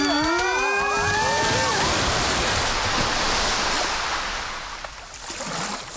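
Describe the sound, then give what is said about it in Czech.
Loud rushing water surges continuously like crashing waves, a dense steady roar that eases slightly near the end; a brief high-pitched cry rises over it at the start. “Fuj, voda.”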